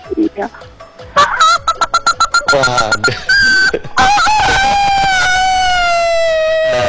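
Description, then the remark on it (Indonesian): A phone caller imitates the clucking of a hen about to lay an egg, with a run of quick, rhythmic clucks that swell into a long, drawn-out squawk. A brief spoken word comes just before. “Iya, ayamnya ada yang bertelur, jadi saya tiru lah bunyinya. Suaranya mirip ayam mau bertelur ya.”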